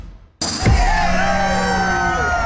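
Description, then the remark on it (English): After a brief hush, a large crowd suddenly erupts into loud cheering and applause for farm crews working the harvest, with whoops and yells rising over a dense, sustained roar. “That's for the farm crews putting in the hours this harvest. And CFAM Radio 950 thinks they deserve more than applause.”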